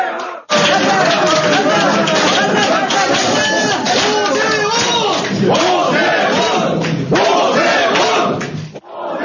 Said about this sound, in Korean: 7시 16분쯤 개표율 93%를 넘겨 지지율이 극적으로 역전되며 오 후보 캠프는 환호에 휩싸였습니다.